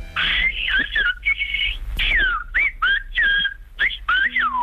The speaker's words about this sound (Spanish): Es uno de los lenguajes más singulares del mundo y podemos presumir de que sea patrimonio de nuestro país. El silbo gomero lleva siglos salvando las distancias entre las montañas de la isla Canaria.